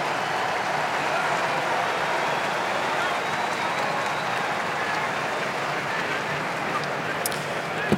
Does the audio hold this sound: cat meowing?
no